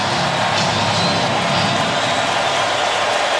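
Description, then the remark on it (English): A dense, steady roar of a large baseball stadium crowd in Atlanta, rising during the seventh inning of an Atlanta Braves game on a 3-2 count, loud and continuous with a broad wash of cheering and no clear individual voices. “Crowd rising in Atlanta.”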